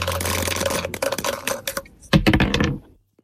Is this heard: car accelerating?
no